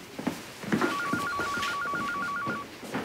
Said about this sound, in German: Ihr Telefon klingelt. Ja, ich weiß.